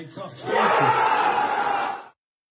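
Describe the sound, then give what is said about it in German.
A crowd in the clubhouse of SC St. Tönis, an Oberliga football club near Krefeld, bursts into loud cheering and shouting on learning the DFB-Pokal draw against Eintracht Frankfurt, swelling after a brief start and holding steady for about a second and a half before cutting off abruptly. “So klang das dann eben. Großer Jubel.”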